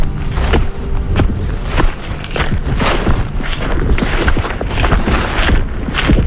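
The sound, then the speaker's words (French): Footsteps crunch and rustle through dry fallen leaves at a steady walking pace, each step a loud, crackly burst, at the water's edge of Lake Memtremagog in Magog, Quebec, Canada, about 1.5 hours from Montreal. No voices. “Je suis à Magog, au bord de l'eau, les pieds dans les feuilles.”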